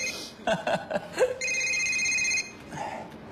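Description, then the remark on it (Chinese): After a few short bursts of chuckling voices, a mobile phone rings with a steady, bright electronic tone lasting about a second, then fades to quieter background sound. “哎，你电话啊， 你帮我拿。”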